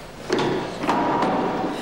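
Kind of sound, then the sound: household object, door opening or closing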